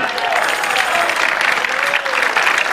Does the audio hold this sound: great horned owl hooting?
no